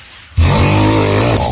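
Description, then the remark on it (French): A father snores loudly, one long rasping breath with a deep rattling drone that starts abruptly after a brief quiet moment and holds steady. “Ouais, c'est le papa qui ronfle.”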